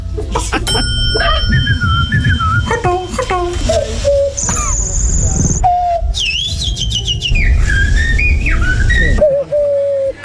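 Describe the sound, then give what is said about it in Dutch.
A person imitates a turtle dove's call, producing a continuous run of warbling, whistle-like vocal tones that rise and fall for about ten seconds. “Dat is toch gewoon een duif? Nee, dat is een tortelduif.”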